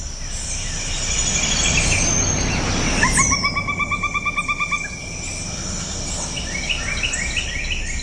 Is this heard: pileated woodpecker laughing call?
yes